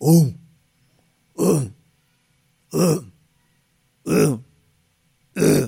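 Five harsh, throaty coughs or throat-clearing bursts, loud, spaced evenly about every second and a half with silence between each.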